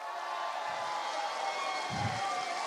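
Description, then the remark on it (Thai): A large crowd of Phleng Phuea Chiwit (songs for life) music fans cheers and claps at a music stage event, a steady, dense roar of voices and applause, sustained throughout with a couple of low thumps underneath. “ผมเดินทางคนเดียวไม่ได้ถ้าไม่มีนะครับพี่ๆน้องๆของคนเพื่อชีวิตขอเสียงพี่น้องคนเพื่อชีวิตครับ”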